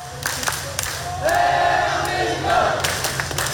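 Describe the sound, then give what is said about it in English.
About 200 South Korean fans at Lau Pa Sat hawker centre in Singapore's Central Business District erupt in loud, sustained cheering and shouting as their team fights back to win a World Cup match against Czechia, with rising whoops and yells swelling over a dense roar of many packed voices. “But cheers just minutes later as the Taeguk Warriors fought back and won the game.”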